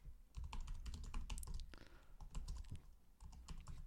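Rapid, continuous typing on a computer keyboard, a dense run of sharp clicks and clacks with no talking over it.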